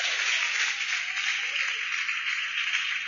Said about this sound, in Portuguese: Vamos receber o grupo do Alvorada, esse povo valente com as palmas bem alegre pro Senhor Jesus!